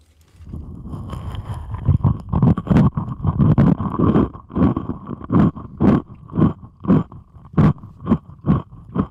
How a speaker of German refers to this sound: Ich habe hier nämlich Zwieback. Auch gut. Ja, Zwieback mit Kokos. Jetzt lege ich mir das mal auf den Kopf hier und esse Zwieback dabei.